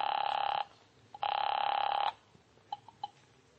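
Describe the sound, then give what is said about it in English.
A telephone rings twice on the other end of the line, two steady buzzing bursts separated by a short pause, heard through the receiver, followed by a few faint clicks. “So I found a phone, called Jack Stacy.”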